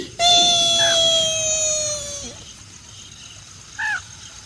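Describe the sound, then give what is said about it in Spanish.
A person imitates a child crying: one long, high, sustained wail that slowly sinks in pitch, then a short rising-and-falling sob after a brief pause. It is loud, with no other talk. “El niño llegó llorando donde sus padres.”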